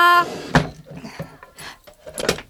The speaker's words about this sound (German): Lilly schließt die Schublade und flitzt in die Küche.